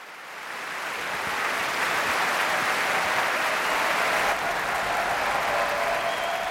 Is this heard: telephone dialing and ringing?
no